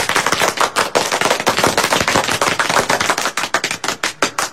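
A crowd at a song and dance troupe breaks into warm, steady applause welcoming two new dancers into the troupe, dense and loud at first, then thinning toward the end into fewer, more distinct claps. No one speaks over it.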